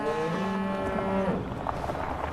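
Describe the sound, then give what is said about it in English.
A calf newly arrived at Diddly Squat farm gives one drawn-out, loud moo lasting about a second, its voice slightly rising in pitch, followed by a steady background rumble and scattered noises with no talking. “So that's Calf.”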